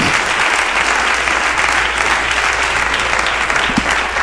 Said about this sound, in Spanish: Y le dé un aplauso, pero fuertísimo, al Señor.